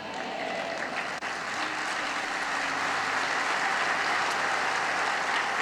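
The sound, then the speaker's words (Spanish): A large crowd claps steadily and densely for the Lord for several seconds, a continuous wash of applause with no voices standing out. “Vamos a darle un mejor aplauso al Señor.”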